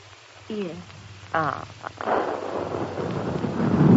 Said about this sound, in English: They are firing. Heaven defend us, it's cannons. Nearer. Much nearer than they were.